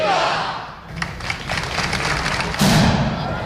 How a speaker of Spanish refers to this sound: El cañonazo ha vuelto a retumbar frente al arco de San Bernabé después de que esta tradición regresara el año pasado tras casi una década de ausencia.